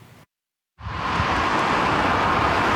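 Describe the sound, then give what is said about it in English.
After a short break of silence, a steady, fairly loud roar of road traffic heading into a long holiday weekend rushes in and holds, a dense continuous wash of passing vehicles with no voices. “There's no shortage of traffic heading into the long holiday weekend.”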